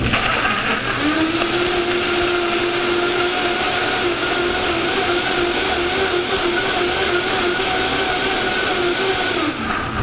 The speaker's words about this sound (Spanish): Ya pasamos todo lo que teníamos en el sartén. Tomatillo, jitomate, cebolla, ajos, los chiles de árbol, le pusimos salecita y le pusimos un poquitito de cilantro y vamos a llevar esto a licuar. Lo vamos a licuar sin nada de agua, nada más así.